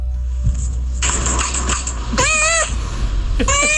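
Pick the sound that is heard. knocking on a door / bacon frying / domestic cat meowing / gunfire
domestic cat meowing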